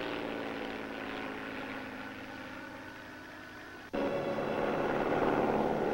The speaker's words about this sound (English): Here comes the plane. Probably Professor Morassi.